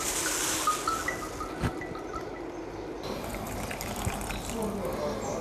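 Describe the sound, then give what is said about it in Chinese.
Boiling water poured steadily over small teaware to scald it, a continuous splashing gush that runs for about five seconds with faint background murmur. “先等一下，开水烫一下。”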